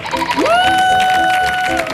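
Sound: audience applause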